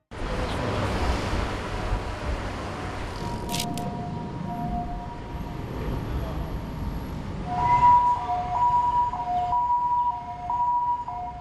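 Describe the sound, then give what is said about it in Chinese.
An ambulance siren wails through steady traffic noise, starting as a held tone and then switching to a loud, alternating two-note hi-lo pattern that repeats several times as it approaches. “台湾的救护车都是消防局的救护技术员就出勤，然后把病人送到医院。”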